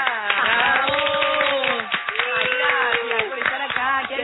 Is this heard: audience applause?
yes